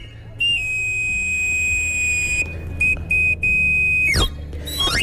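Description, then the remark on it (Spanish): A knife grinder's street whistle call, once heard in the Madrid de los Austrias area of Madrid, Spain: a shrill, steady high whistle held for a couple of seconds, cut into short bursts, then swooping sharply downward, over a low rumbling background. “Por el Madrid de los Austrias se escuchaba hasta hace poco este reclamo.”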